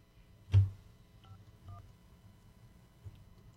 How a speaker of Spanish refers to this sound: Vamos a ver si nos contesta. Le tocó la suerte a una damita. Vamos a ver si responde la llamada. Vamos a marcar. Estamos marcando aquí ya rápidamente.